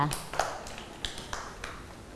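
A handful of schoolchildren clap unevenly for a classmate, soft scattered hand claps spread out over a couple of seconds rather than a steady round of applause.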